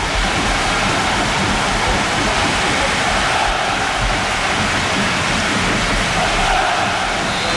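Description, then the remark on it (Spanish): Heavy rain pours down on a football stadium during a minute's silence, a dense, steady hiss that stays loud and unbroken throughout, with a low rumbling wash underneath and no voices standing out. “Ostras. El sonido es el de la lluvia.”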